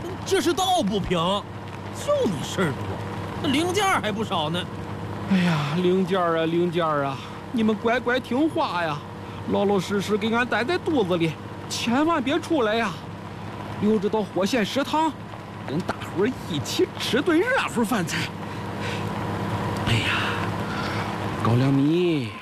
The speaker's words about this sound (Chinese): 哎呀，亲娘嘞！哎，这山道都快把俺的肠子、肚子、心肝肺都给颠出来了！ 哎，师傅开卡车开得跟火车一样稳。